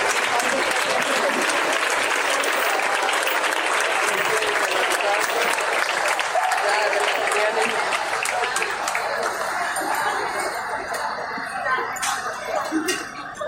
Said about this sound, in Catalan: Un aplaudimiento y muchísimas gracias a la Jove Muixeranga de Valencia. Un aplaudimiento para la persona.